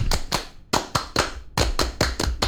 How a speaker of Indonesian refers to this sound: boleh tepuk pramuka.